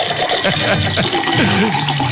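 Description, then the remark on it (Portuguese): Water is poured into a drinking glass, a steady splashing trickle whose pitch climbs as the glass fills, lasting about two seconds with no one speaking. “Então prepara o seu copo com água aí e eu vou preparar meu copo com água aqui também, ó.”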